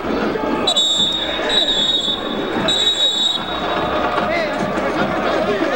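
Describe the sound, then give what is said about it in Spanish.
Three sustained, shrill referee whistle blasts at a football match in which O'Higgins trails 3-2, blown to keep the players from coming to blows, each about a second long with short gaps between, over a steady roar of crowd noise. “Esos pitazos son para que no se vayan a los golpes ahí los jugadores, ¿no?”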